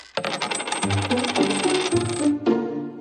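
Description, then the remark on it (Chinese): A cascade of metal coins clatters and jingles as they drop and scatter onto a hard surface when a magnetic force is switched off, a dense rattling burst lasting a few seconds with a brief pause before a final clink. “围裙妈妈，我们在找硬币”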